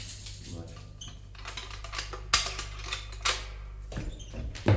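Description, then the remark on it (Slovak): Keys jangle and clink in a scatter of bright metallic rattles and taps, some sharper than others, over a steady low hum. “Daj sem kľúče.”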